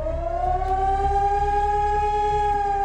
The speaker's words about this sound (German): Heute ist wieder bundesweiter Warntag. Im Ortenaukreis heulen die Sirenen in insgesamt 32 Kommunen. Auch Rastatt und Baden-Baden beteiligen sich an dem Testalarm.